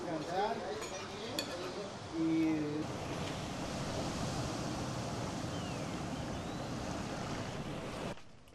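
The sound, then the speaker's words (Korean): Ocean waves wash onto a beach on the coast of Oaxaca in a steady roar of surf. Faint voices and a brief tonal sound can be heard early on, then the surf continues alone. “바닷가에 왔는데 석양은 안볼수 없죠?”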